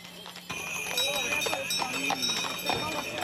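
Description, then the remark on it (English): Horse hooves clip-clop in an uneven, overlapping rhythm as pilgrims on horseback and in horse-drawn carriages travel in a kilometer-long procession from Zlatar Bistrica to the Shrine of Our Lady in Marija Bistrica. A steady background hum and faint voices sit underneath. “Some pilgrims made the entire journey on horseback or in horse-drawn carriages.”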